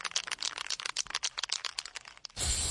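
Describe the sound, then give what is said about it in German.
Spray paint cans are shaken, their mixing balls clattering in fast, uneven rattles for a couple of seconds, then a steady, loud hiss of paint spraying takes over to the end, at an electrical distribution box painting project in Falkensee, Germany. “Das Klappern und Sprühen von Sprayflaschen klingt für Lars Klemmer vom Stromnetzanbieter Edis erstmal nach viel Arbeit.”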